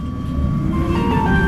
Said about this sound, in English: I've just got on the number 3 tram